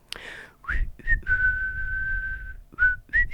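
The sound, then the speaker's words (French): A person whistles clumsily, with airy, breathy sputters before landing on one long, flat note, then trailing off into a couple of short, uncertain chirps. “Bon, il ne savait pas bien siffler le jardinier, mais il le faisait quand même parce que ça lui plaisait.”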